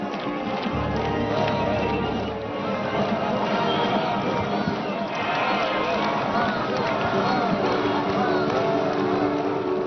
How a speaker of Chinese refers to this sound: 道路两侧朝鲜群众和少年儿童，他们挥舞着旗帜、鲜花与彩色气球，大家高声呼喊中朝友好口号，以掌声和欢呼声欢迎中国贵宾。